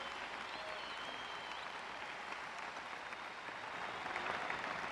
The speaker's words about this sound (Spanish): Aplauden sin temor, si usted me está oyendo, si usted me está entendiendo.